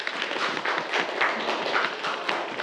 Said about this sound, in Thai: ปรบมือให้กับเพื่อนด้วยครับ